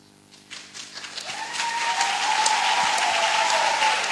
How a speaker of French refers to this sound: Arrêtez d'applaudir, s'il vous plaît.